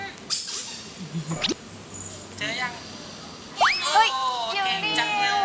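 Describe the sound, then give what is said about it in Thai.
A hidden plastic toy duck is squeezed so a child can search for it by its sound; it squeaks several times, each squeak a bright, rising, whistly tone, with the last ones longer and wavering, over faint background noise. “เอาลูกเป็ดพลาสติกไปซ่อนและบีบให้มีเสียง”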